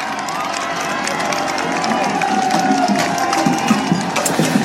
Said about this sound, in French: Et c'est essentiel pour rester dans sa course et tenter d'occulter les cris des spectateurs, même si cela n'est pas toujours facile.